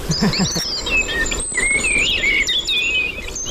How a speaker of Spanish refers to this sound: Mirlo común.